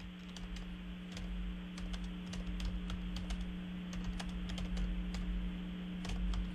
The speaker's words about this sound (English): I'm typing.